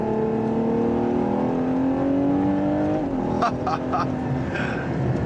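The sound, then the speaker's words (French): A Ferrari sports car engine with 725 horsepower and 716 Nm of torque revs hard up to 8000 rpm, loud and climbing steadily in pitch, then drops sharply as the rear-mounted 8-speed automatic gearbox shifts, followed by a few brief clicks as it settles back. “Ça monte jusqu'à 8000 tours minute, 725 chevaux et 716 Nm de couple.”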